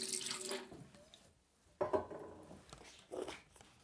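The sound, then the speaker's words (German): Water runs and splashes from a tap in bursts during hat making, for steaming felt to soften it, with a broad hissing stream, a brief clatter midway and a renewed gush near the end, no talking. “Jetzt geht's erstmal ins Dampfbad. Hitze und Feuchtigkeit machen den Filz weich und formbar.”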